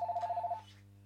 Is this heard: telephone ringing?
yes